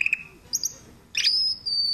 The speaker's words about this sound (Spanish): Ah, no, porque viene con efecto de sonido incluido. El pajarito. Ay, mira qué lindo.